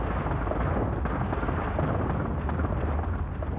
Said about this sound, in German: Da oben hinter den Wolken fing es plötzlich an zu donnern. Man dachte erst Gewitter, war aber nicht, sondern das war Steinschlag. In großer Masse sind die Steine da oben raus.